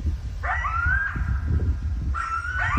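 Two coyotes from a pack howl in rising, wavering cries, one long call followed by another after a short pause, early in the evening in a rural area on the edge of the city of Bellingham, carried over a steady low rumble of outdoor background noise.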